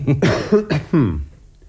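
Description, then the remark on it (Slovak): A quick run of about four harsh, throaty coughs, coming in a rapid sputtering cluster before trailing off into quiet. “A čo tu všetci kašlete? Vy kašlete, váš butler kašle.”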